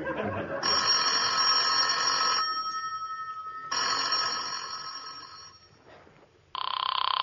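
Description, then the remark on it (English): A telephone bell rings loudly in repeated bursts, each lasting about two seconds with pauses between, and a third ring begins at the end; faint background noise underneath. “It's ringing, Liz. Hello?”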